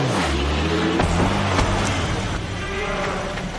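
A truck engine rumbles loudly up close, its low drone shifting in pitch as it revs and pulls away, with steady mechanical noise throughout and no talking.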